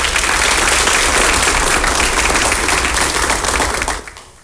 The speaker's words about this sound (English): Let's give the youth group a hand clap of praise.